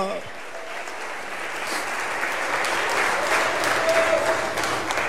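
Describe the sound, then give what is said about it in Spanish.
A large group applauds steadily in praise to the Lord, a dense wash of clapping that swells slightly toward the end, with faint voices mixed in beneath the sustained applause. “¡Oh, dele ese aplauso de alabanza al Señor!”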